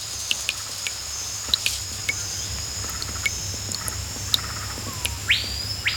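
Dense ambience of a hot, humid, wild jungle: a constant high insect drone and cricket buzz over a low rumble, with scattered clicks and chirps and a brief rising bird call near the end.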